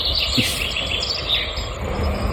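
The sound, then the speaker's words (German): Outdoor birdsong with woodpecker and little owl calls mixed into a dense, steady chorus of chirps and twittering, with no one speaking. “Specht und Käuzchen habe ich gehört, den Rest kann ich nicht identifizieren.”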